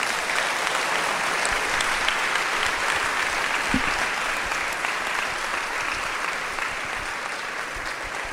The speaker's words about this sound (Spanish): Un aplauso a nuestro Señor Jesús.